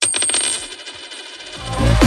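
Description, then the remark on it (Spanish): A euro coin drops onto a hard surface with a bright metallic ring, bouncing in a quick series that slows and fades, before a low rumbling swell at the end. No one speaks. “¿Lo oyes? Es un euro que cunde”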